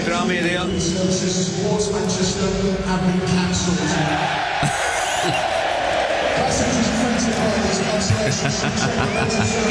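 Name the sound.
football fans cheering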